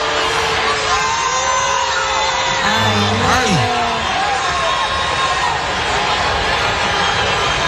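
A loud crowd boos and jeers without letup, a dense wall of many voices with individual shouts and wavering calls rising above it for several seconds.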